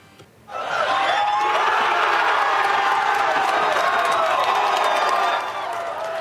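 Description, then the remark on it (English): A crowd of around 300 people at a World Cup watch party in the Croatian-Canadian Culture Center in Calgary's Northeast erupts into loud, sustained cheering and shouting, a dense roar of many voices that swells suddenly and holds steady for several seconds before easing slightly. “Around 300 people packing into the Croatian-Canadian Culture Center in Calgary's Northeast for a watch party earlier this afternoon.”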